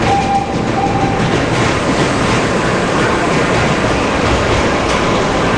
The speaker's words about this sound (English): you really get a sense of the lumbering weight of the train, the wood and the metal. And so you can hear the vibration and that ringing of the brakes. And when it starts again, you hear that vibration start up again.